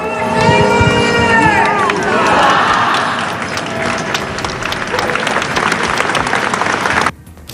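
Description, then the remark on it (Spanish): A large crowd of hundreds of people in Murcia claps steadily and loudly as a coffin passes toward the cathedral in a funeral procession, with voices calling out at the start. The dense, sustained applause continues without pause before cutting off abruptly near the end. “Allí enfilaba el camino hacia la puerta del concejo de la catedral, acompañado de cientos de murcianos que le despedían entre aplausos.”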